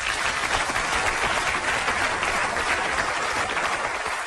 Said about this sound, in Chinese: 我一说出来掌声四起。